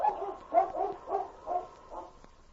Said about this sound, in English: With hair bristling, she stood a moment looking down the trail toward town in the direction King had gone. And then, with a savage bark, Whitey turned and headed up trail.